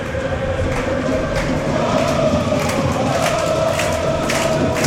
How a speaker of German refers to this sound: Und eine Klatschaktion der Heimfans von Vaduz.